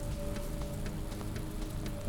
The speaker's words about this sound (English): We'll get back to watching the end of this rain shower and leave you with the sounds.